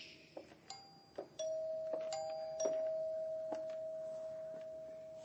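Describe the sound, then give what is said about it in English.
An electronic doorbell chimes, a steady sustained tone ringing out with a few bright dings layered over it, clear with no talking. “Then the doorbell rang.”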